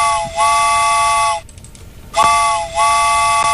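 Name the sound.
train whistle sound effect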